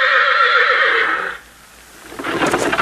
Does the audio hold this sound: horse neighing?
yes